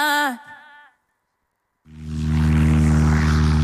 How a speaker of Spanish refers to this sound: En A Vivir a Rías, este sábado, subímonos a una avioneta para descubrir Mazaricos dende o aire.